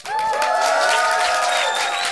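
A crowd of roughly a hundred people in a white tent at the Povaleč festival cheers loudly and steadily, with high whistles, whoops and scattered clapping blending into one continuous roar for about two seconds.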